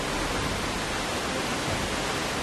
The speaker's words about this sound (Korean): 폭포가 뿌리는 물방울을 맞으며 조금 더 가까이 다가가 봅니다. 멍하니 보고 있으면 빨려 들어갈 것 같아요.